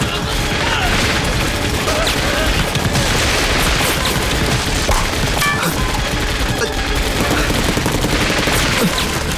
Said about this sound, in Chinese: 团座，你听，对面仓库也有枪声。